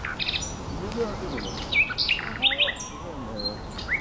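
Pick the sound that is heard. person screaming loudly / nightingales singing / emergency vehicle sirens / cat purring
nightingales singing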